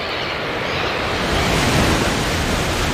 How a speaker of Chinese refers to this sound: 这里大海波涛汹涌